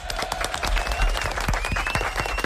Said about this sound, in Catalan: Molt bé, un aplaudiment.